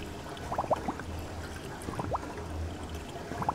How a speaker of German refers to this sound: Dazu forscht Professor Thorsten Reusch am Kieler Geomar. Seit 3 Jahren wächst hier Seegras in Wellentanks. Sie simulieren die natürliche Wasserbewegung.